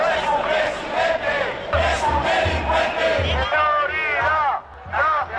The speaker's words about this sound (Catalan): En proclames com aquestes, insults i crits xenòfobs, els manifestants han exigit la dimissió de Sánchez.